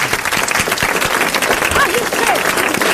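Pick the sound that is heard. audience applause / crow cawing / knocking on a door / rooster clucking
audience applause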